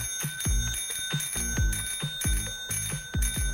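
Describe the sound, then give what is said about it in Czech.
A bicycle bell rings over and over in a quick, steady rhythm, about eight bright metallic dings whose shimmer carries between strikes, clear with no voices. “Prostě zvonek celkové kola.”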